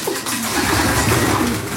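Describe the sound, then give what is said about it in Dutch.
Pigeons coo continuously in a pigeon loft with many small compartments, several birds overlapping in a low, throaty, rolling murmur that stays steady throughout, with no voices present. “En de duiven die nu stug blijven zitten, zijn die echt aan het broeden, denk je?”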